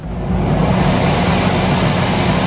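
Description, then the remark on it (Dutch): A newly bought portable (mobile) air conditioner runs at home on a hot day with indoor temperatures near 30 degrees. It makes a steady, even whoosh of airflow over a low droning motor hum and holds constant in loudness throughout, with no voices. “Ja, ik heb net als half Nederland ook een mobiele airco gekocht.”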